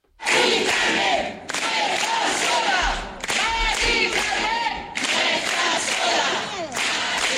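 More than a hundred people protesting an eviction in Tenerife, in front of the government sub-delegation, chant slogans such as "casas para vivir, no para especular" in unison, loud rhythmic bursts in roughly one-and-a-half-second phrases with brief gaps, voices blending into a dense roar, a few low thumps underneath.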